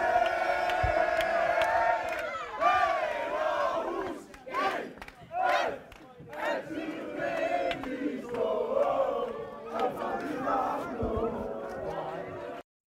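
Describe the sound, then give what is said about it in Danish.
A crowd of AGF football fans in Aarhus, Denmark, chanting and cheering loudly as the players' bus arrives back after winning the Danish championship, many voices singing together in a rhythmic, rising and falling chant with shouts and whoops breaking through. “Og med mesterskabet slutter 40 års guldtørke i byen, og fansene stod klar med slagsang og højt humør, da spillerbussen rullede ind i Aarhus for kort tid siden.”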